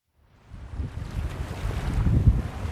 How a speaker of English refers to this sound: Ah, summer on Cape Cod. Sun, ocean breezes, and plenty of waves.